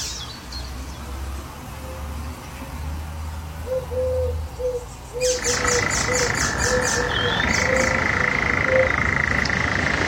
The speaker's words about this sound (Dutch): Een briljant variërende en imiterende vogel. Die zelfs een perfect bad-eendje in huis heeft. De spotvogel.